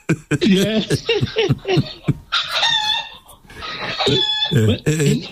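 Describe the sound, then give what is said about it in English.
A rooster crows loudly in two drawn-out, strained calls, framed by bursts of human voices and chuckling before and after. “even the rooster or the fowl enjoying that joke.”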